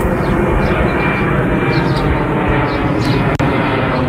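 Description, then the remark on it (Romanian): F-16 fighter jets scrambled in Romania roar steadily overhead, a loud, dense, continuous engine rush filling the whole clip, with a brief sharp click near the end. “Două avioane de vânătoare F-16 și un elicopter al armatei au fost ridicate imediat de la sol.”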